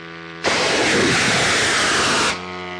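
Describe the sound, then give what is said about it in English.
A long-range military drone is launched by a Ukrainian military team into the night sky, with a sudden, loud hissing roar that holds steady for about two seconds, then drops away, leaving a faint low hum before and after. “And Robin, we recently joined the Ukrainian military team that launches these long-range drones, and here's what it sounded like.”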